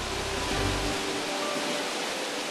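A not very large waterfall in Poland, in a summer holiday area, roars on a sunny, hot day in a steady, unbroken hiss of rushing water, with a little extra low rumble in the first second. The loudness stays constant and no one speaks.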